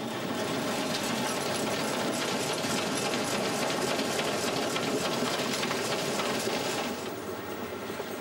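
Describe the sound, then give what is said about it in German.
A steam train pulled by a 1922 FS class 940 locomotive, built in Naples by Officine Meccaniche Navali and rented by the DGEG for a study trip, runs steadily with a dense, continuous mechanical clatter and rapid rhythmic chuffing, loud and unbroken, easing slightly near the end; no voices. “Alle Dampfzüge, die in den kommenden Tagen benutzt werden, hat die DGEG speziell für diese Studienfahrt angemietet.”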